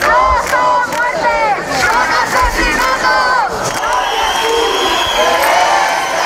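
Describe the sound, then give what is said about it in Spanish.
A large crowd of protesters from the Puerta del Sol encampment, moving to the Congreso de los Diputados, chants loudly in unison, voices rising and falling in rhythmic shouted phrases, with a steady roar of many people underneath and a thinner, higher tone emerging toward the end. “En la acampada de la Puerta del Sol, donde se guardaba un minuto de silencio durante la noche, han ido creciendo los manifestantes.”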